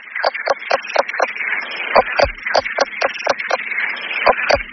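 A leopard toad calls in a steady run of short, clucking pulses, roughly two or three per second, resembling a hen's cackle, over a constant hissing background.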